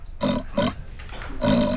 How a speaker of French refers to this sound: Mais c'est un grognement de cochon. Qu'est-ce que fait un cochon dans une bibliothèque?